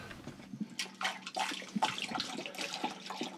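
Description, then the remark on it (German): Water is poured into the engine of the boat Inge 2 at the jetty in Marsholm, splashing into a metal opening in a steady gurgling stream with irregular sloshing bursts, moderately loud and with no one speaking. “So, kipp mal Wasser hier rein.”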